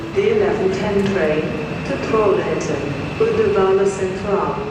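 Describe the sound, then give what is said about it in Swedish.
Busy railway station ambience at Gothenburg Central Station, Sweden: a steady mechanical rumble with indistinct voices and murmuring crowd noise throughout, with trains present. “Kjell sitter på centralen i Göteborg och väntar på ett tåg till Stockholm.”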